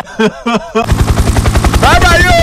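A short vocal sound opens, then a loud helicopter's rapid, steady rotor thumping takes over, continuous, with a voice rising faintly over the chopping near the end.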